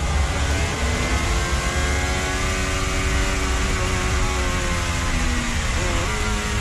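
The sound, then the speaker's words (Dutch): A racing car's engine roars steadily and loudly, its pitch sliding down before jumping sharply upward near the end as it downshifts. No one speaks. “Je hoort hem ook nog terugschakelen.”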